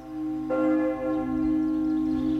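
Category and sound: signal or alarm, ringing bells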